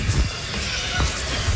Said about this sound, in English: We then walk the bird over to the release window, which is a little box also attached to the outside. We pop them in the box and we pull the slat to release the bird to the outside world.